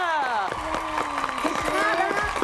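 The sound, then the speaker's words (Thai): Steady, rhythmic hand claps ring out at a brisk pace, mixed beneath loud overlapping voices that sound like people cheering or chanting. “นี่เขาเสียงปรบมือ”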